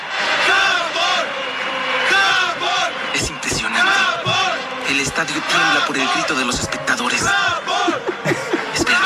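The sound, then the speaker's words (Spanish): A huge stadium crowd at a friendly football match roars and chants "Japan" continuously. Many voices overlap in loud rhythmic shouts with rising and falling swells, dense throughout. “Estadio tiembla por el grito de los espectadores.”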